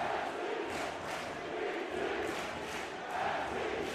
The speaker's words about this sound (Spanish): Y el público respondiéndole a los gritos de NYC a New York City.